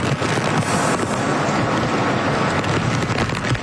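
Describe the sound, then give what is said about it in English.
Powerful storm wind from a typhoon, downgraded to a tropical storm, battering southwest Japan roars loudly and continuously, a dense rushing wash of noise buffeting the microphone for a few seconds with no voices present. “And finally, Southwest Japan is being battered by a powerful storm.”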